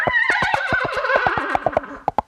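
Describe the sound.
A brassy, wavering whinny played on a trumpet to imitate a horse's neigh, sliding and quivering, followed by a few sharp staccato blasts at the end. Loud, no voices.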